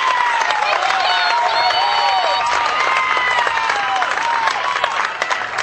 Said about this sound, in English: You can hear the applause. North Shelby again down by just 3 in what has been a shootout of a baseball game.